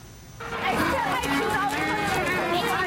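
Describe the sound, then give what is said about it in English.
A loud crowd of hundreds of elementary schoolchildren chattering all at once at a sold-out baseball game at RE/MAX Field ballpark in Edmonton, dozens of high voices overlapping into a steady, busy babble that swells in after a brief quieter moment at the start. “Hundreds of kids pour into RE/MAX Field, ditching their classrooms for the ballpark. Controlled mayhem, but for all the right reasons.”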